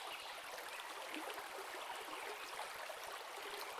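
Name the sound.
river water flowing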